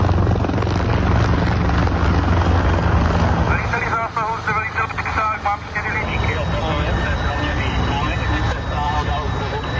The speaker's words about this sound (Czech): Letí nám sem vrtulník s bambivakem.